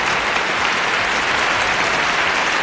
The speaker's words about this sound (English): I like that. Applause. That's good.